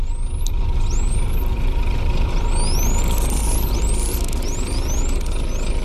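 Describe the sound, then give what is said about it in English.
A bottlenose dolphin's signature whistle: a string of about eight high, quick upward-sweeping chirps repeating in a similar shape, over a steady hiss of underwater noise, with no voices. “I want to hear a little bit of a bottlenose dolphin whistling.”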